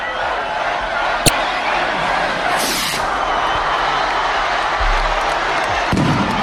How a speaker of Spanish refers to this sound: Cohetes que han anunciado que Tafalla y Burlada están de celebración.